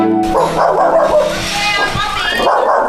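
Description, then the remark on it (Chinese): The pet dog Wangcai barks and yips excitedly at home, greeting someone arriving, in a rapid, nearly continuous stream of high-pitched calls, loud and lively throughout the few seconds. “狗是人类最忠诚可靠的伙伴。”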